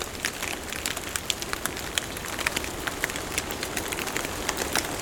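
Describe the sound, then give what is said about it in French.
Steady, irregular patter of water drops falling onto surfaces, dozens of soft taps scattered over a quiet, constant background hiss, sounding like melting snow dripping from fir branches in a forest. “C'est juste la fonte du saupoudrage de neige qui s'est déposé sur les ramures des sapins.”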